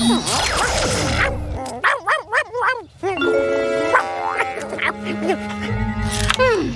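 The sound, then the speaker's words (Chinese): A dog, Odie, who lives with a cat, lets out a quick run of about five sharp, yapping barks, loud, as an invention is tried on him, set among bright chiming tones and busy musical sounds. “好了，看我的发明对那只猫跟住在一起的狗有没有用。”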